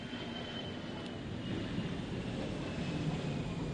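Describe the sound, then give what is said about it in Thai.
An airplane's steady, broad engine roar fills the whole stretch, swelling slightly toward the end as it passes overhead, with no talking. “เครื่องบินมาหำล้ำแล้วเนี่ยพี่น้อง”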